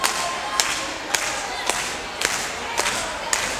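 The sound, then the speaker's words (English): An audience claps hands together in a steady rhythm to get the next tune started at a music performance, sharp unison claps landing about twice per second over a continuous wash of crowd noise. “In order to get this next tune started, we need a little bit of hand clapping out there.”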